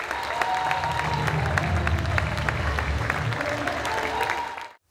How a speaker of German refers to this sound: Ja, Applaus passt jetzt gut.